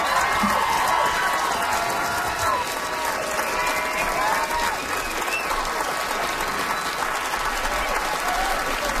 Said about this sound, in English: It was a good set. Another round of applause